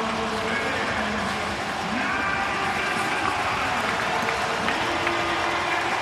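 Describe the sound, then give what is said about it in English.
A dense, steady roar of a large stadium crowd cheering and clapping at a football game before the final play, loud and sustained throughout with no pauses, scattered voices and whistles rising out of the continuous wash of noise. “So the crowd kind of whipped the Argos up.”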